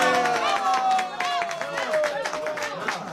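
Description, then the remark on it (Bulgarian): An audience at a lecture applauds steadily, with dense clapping throughout, while a sustained voice-like tone slowly slides downward over the noise. “Колегата Калайджия, вие защо не ръкопляскате?”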